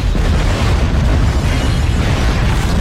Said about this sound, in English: the massive ship careened wildly down the hill for hundreds of meters, still gaining speed before colliding with a rock, gaining air before crumpling, shattering, spinning over itself into a ball of a million splinters that then violently exploded.